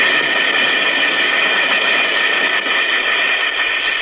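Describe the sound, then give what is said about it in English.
An Alka-Seltzer effervescent tablet fizzes steadily in water, a dense, even hiss with fine crackling bubbles that holds at a fairly loud level for about four seconds, with no voices. “Listen to it fizz.”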